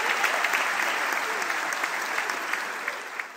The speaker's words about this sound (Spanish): Muchas gracias, chicos. Fuerte el aplauso. Gracias.